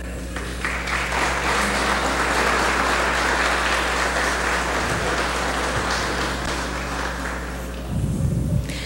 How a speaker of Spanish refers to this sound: Bien, pues con un fuerte aplauso le damos la bienvenida en este nuevo proyecto